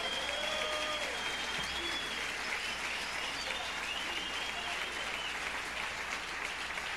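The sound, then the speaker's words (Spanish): An audience claps together for the Lord in sustained, dense applause for several seconds at a steady level, with a few faint high whistles or cries rising over the clapping. “Un aplauso a ese bendito Señor.”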